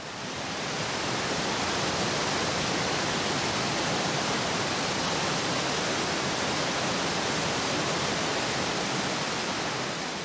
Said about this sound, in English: Loud thundering and roaring is guaranteed at Europe's largest waterfall, where the water plunges some 23 meters into the depths.